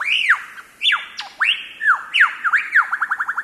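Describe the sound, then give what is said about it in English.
A lyrebird mimics a laughing kookaburra: loud, looping chuckling notes that rise and fall, ending in a quick, accelerating run of rhythmic hoots with no voices present. “are best known for their uncanny vocal abilities, which can incorporate spot-on imitations of other bird species, like this laughing kookaburra.”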